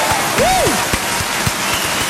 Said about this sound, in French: On me dit salut Tatilou pour ma cousine Marie Bertrand du côté de Chamounix, elle fête son birthday aujourd'hui, happy birthday yes à Marie, allez des applaudissements pour Marie.